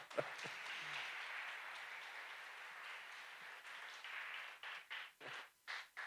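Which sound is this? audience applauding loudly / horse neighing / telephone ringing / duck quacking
audience applauding loudly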